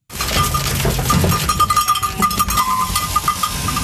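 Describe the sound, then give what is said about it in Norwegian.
A crowded flock of sheep shuffling in a pen, queuing to be shorn in Viksdalen, Sunnfjord, Norway, with bells clinking steadily and a few scattered bleats over a busy, continuous farmyard background. “I Viksdalen i Sunnfjord står sauene i kø for å få klippet av seg gullet.”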